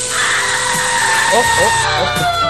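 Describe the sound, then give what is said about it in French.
A microwave oven runs with a steady, loud electric hum and whir, holding an even drone throughout; a few brief voice-like sounds rise over it in the second half. “Excusez-moi, j'ai dû me tromper, ça c'est le micro-ondes.”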